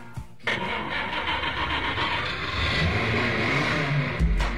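A car engine catches and revs into a loud, steady roar that builds slightly over a few seconds, with no voices.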